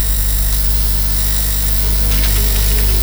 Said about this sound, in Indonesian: Dari tadi buang kertas terus. Salah terus nih aku ngeprintnya. Cek dulu dong sebelum diprint, biar nggak boros kertas.